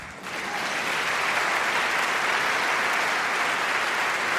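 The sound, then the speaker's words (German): Sustained audience applause for a choir that has just sung, a dense wash of many hands clapping that swells within the first half second and then holds steady and loud throughout, with no one talking over it. “Applaus für den geilsten Chor der Welt.”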